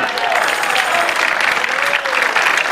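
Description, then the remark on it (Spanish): Steady audience applause, a dense crackle of many hands clapping at an even loudness throughout, with a faint voice trace underneath. “¿Cómo bajaron los aplausos?”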